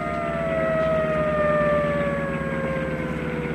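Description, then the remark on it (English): A police siren on a sheriff's prowl car wails steadily during a car chase, its tone sliding slowly downward in pitch, loud and continuous over the low rumble of an engine, with no voices. “Right, then turn that Banshee whale off.”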